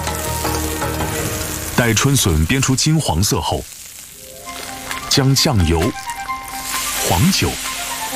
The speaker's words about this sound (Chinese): 新出土的春笋足够鲜嫩，无需焯水，直接入锅。哇， 这一瞬间就香了。